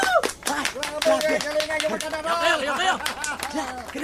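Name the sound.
audience clapping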